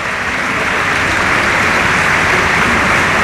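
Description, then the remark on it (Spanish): A large stadium crowd at the RC Stadium applauds steadily in the 21st minute of a match against Elche, in memory of late captain Dani Jarque, a dense, continuous wash of clapping that stays loud and even throughout, with no voices standing out. “Cuando alcanzamos también el minuto 21, como siempre aplaudiendo la grada del RC Stadium en memoria del eterno capitán Dani Jarque.”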